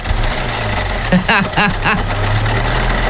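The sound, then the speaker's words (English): A faulty car engine runs with a steady low drone and a harsh, knocking rattle like gravel churning inside it, while a brief voice sound rises over it midway. “It's like you put gravel in the lawnmower.”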